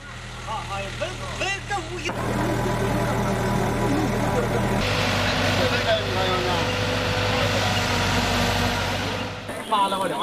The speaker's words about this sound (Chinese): 5月5日9点钟，在警车的护送下，载着棺木的卡车驶出了大坟岗。